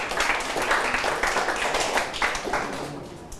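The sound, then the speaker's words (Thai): A group of students in a classroom clapping their hands for classmates after group 6 answers a question about buoyancy, a dense, steady patter of many overlapping claps that keeps going for a few seconds with no talking. “นักเรียนปรบมือเพื่อนด้วยนะครับ”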